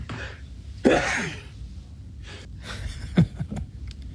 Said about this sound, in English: Oh my goodness. That's a quadruple that sneeze there, Father. Yeah, usually they come in sevens.